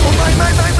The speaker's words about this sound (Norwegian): som prøver å steke biff med sin ugressbrenner, fordi den grillen han ville ha var utsolgt.